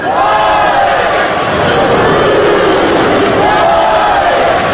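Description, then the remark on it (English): A stadium crowd at Duty Noble Field chants the maroon-white cheer during a baseball game, many voices rising and falling in a loud, steady roar that fills the whole clip without a break. “Crowd trying to get into it, starting that maroon-white cheer here at Duty Noble Field.”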